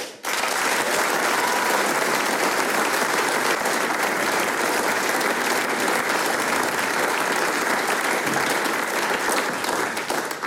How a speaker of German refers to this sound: Ich darf um einen ganz, ganz großen Schlussapplaus für unsere Mitwirkenden bitten